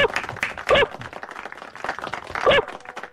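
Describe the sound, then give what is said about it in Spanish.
Two short, sharp dog-like barks ring out about two seconds apart, standing out over a continuous clattering background that resembles scattered clapping. “You really like that bark de la oyente, ¿eh?”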